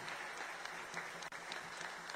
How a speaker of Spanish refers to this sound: Y den un fuerte aplauso al Señor Jesús, que se quedó con nosotros en la Eucaristía.